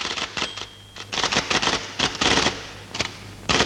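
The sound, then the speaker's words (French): A typewriter in a film's courtroom scene with judges and clerks: keys clatter in quick irregular bursts of sharp clicks, with brief pauses between runs and a faint low hum underneath; no one speaks. “Comme si ils étaient avec les juges, avec les greffiers, avec la machine à écrire.”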